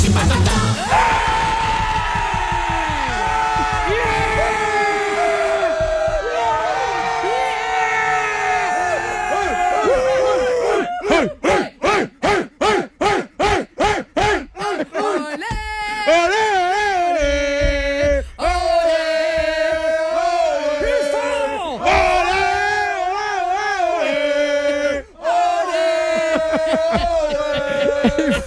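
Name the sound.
crowd cheering and yelling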